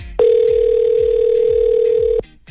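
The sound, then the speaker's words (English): A single steady electronic telephone ring tone sounds down the line for about two seconds, fairly loud and unbroken, over a soft pulsing low beat in the background, as a radio host calls a listener over the phone line. “Let's get to the phone lines.”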